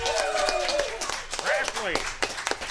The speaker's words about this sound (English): I think they deserve a nice round of applause for sponsoring this tonight's program.